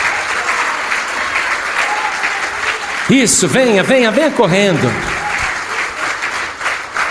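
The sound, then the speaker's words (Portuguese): A church audience applauds the Lord Jesus steadily throughout as people come forward, a dense wash of clapping, while a man calls out loudly over it for a couple of seconds in the middle. “E vamos aplaudir o Senhor Jesus por cada vida que está chegando.”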